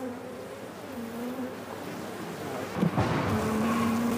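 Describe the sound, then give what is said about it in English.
A steady, dense hum of many bees buzzing around a honeycomb containing young bees, with wavering drones rising and falling and a brief louder rustle near the end; no one speaks. “Jutta Follmann is searching for honeycombs containing young bees”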